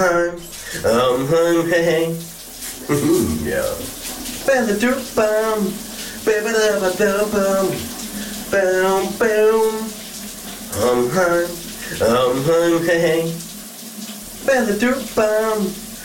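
Shower water runs in a steady hiss throughout, while a man sings a melodic tune over it in phrases with short pauses.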